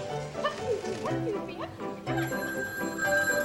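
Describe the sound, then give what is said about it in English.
A telephone rings with a steady, bright electronic tone that grows prominent in the second half, layered over murmuring voices and busy background noise. “Oh, here's the phone.”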